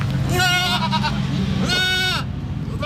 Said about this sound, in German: Hier sind schöne Holzhäuser und vor diesen Holzhäusern sind sehr viele Ziegen. Und ehrlich gesagt sind sogar Ziegen dabei, die gerade dabei sind, neue Ziegen zu produzieren.